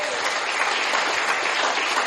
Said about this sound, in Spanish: Dele un fuerte aplauso al Señor, hermano.